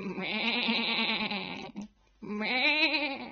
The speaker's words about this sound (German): Die Schafe in der Scheune mähen ihm einen guten Morgen zu.